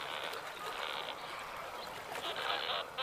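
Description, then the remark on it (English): A dense, continuous din of many large, hungry chicks calling at once in a colony as adults return with food, shrill overlapping cries blending into a steady, loud chorus with a few brighter bursts rising above the mass. “In the mists of the shouting, they recognize the particular sound of their chick's voice.”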